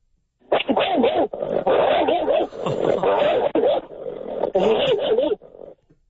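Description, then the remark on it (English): A man's voice imitates an angry dog, snarling and growling loudly in rough, continuous bursts with brief breaks, alone for about five seconds. “so that I can do an angry dog in a fight or whatever”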